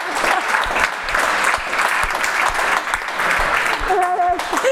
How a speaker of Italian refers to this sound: Bella ragazzi, un applauso su questa. Viva la sincerità.